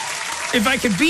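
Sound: round of applause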